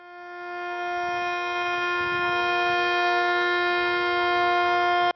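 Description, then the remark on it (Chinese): An air raid siren sounds a loud, sustained droning tone at one steady pitch, swelling in and holding for several seconds over a faint low rumble, with no talking. The siren sounds across the whole city of Shenyang, China, at 9:18 for three minutes. “9:18，沈阳全城拉响3分钟防空警报，警报声划破长空，过往车辆停驶并鸣笛，火车及轮船拉响汽笛3分钟。”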